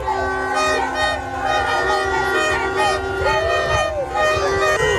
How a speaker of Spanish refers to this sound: Es el sonido de las calles de Bogotá.